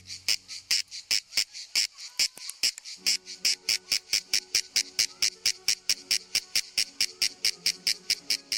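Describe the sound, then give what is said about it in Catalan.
A shrill, high-pitched insect song made of rapid, evenly spaced pulses, buzzing steadily for the whole stretch with a few brief gaps near the start, loud and without any voices. Male insects make it during the central hours of the day by vibrating a membranous structure under the body that acts as a resonance box. “Durant les hores centrals del dia, els mascles emeten una renou molt estrident produïda per la vibració d'una estructura membranosa que tenen davall del cos i que actua com a caixa de ressonància.”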